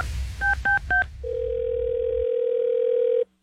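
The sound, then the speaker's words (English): Three quick keypad beeps followed by a long, steady telephone dial tone as a call is placed during a radio phone-call segment on Kiss 97.3; the tone holds for about two seconds before cutting off abruptly, with a low background rumble at the start and no talking. “Don't answer the phone.”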